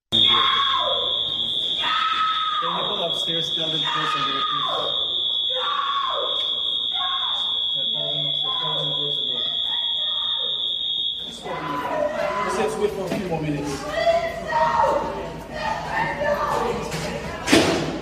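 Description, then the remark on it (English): A passenger screams and shouts loudly aboard an airplane during a flight, in audio recorded by a witness, first over a steady high-pitched alarm tone, then amid a noisy, agitated commotion of other voices and bumps. “heard on the plane screaming in audio obtained by TMZ, allegedly recorded by a witness.”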